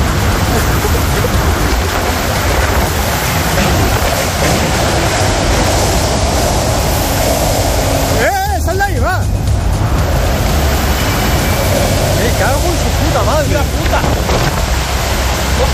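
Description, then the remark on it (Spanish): A violent storm in the Valencian Community roars without pause, loud rushing wind with gusts of nearly 150 km/h mixed with a hiss like driving rain, surging in gusts, with a brief wavering whine or muffled voice partway through. “Es el sonido de las tormentas que ayer atravesaron parte de la Comunidad Valenciana con rachas de viento de casi 150 kilómetros por hora que dejan un rosario de incidentes y daños materiales.”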